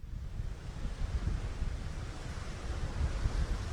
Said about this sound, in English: Out in the middle of the Atlantic Ocean, waves are crashing against the side of a 17-story cruise ship.